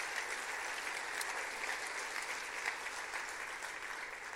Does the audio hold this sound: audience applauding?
yes